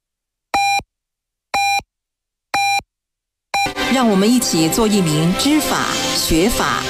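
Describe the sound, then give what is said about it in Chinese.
Radio hourly time signal, a time check sponsored by Kouzijiao G20 baijiu: three short, identical mid-pitched beeps spaced one second apart, then a fourth pip that merges into a loud burst of voice and music. “口子窖G20提醒您：准确对时，珍藏时窖。”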